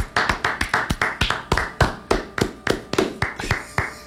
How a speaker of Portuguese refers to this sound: Umas palmas só pra ela.